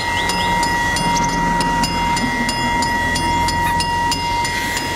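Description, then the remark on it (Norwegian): A light-blue Hjem-IS ice cream van passes by, with steady ringing tones held over a low rumble and a regular, quick clicking pulse running throughout. No one speaks. “Ja, det er selvfølgelig sådan, det lyder, når hjemmesbilen den kommer forbi, og den lyseblå bil, den...”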